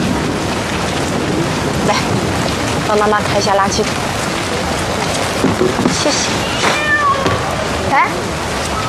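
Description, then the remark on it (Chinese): Several stray cats meow downstairs outside, short clustered cries followed by a longer, higher wavering call, over a steady hiss of heavy rain with faint voices in the background; a mother and child have brought leftover chicken to feed them. “我还听到猫叫了，是吗？”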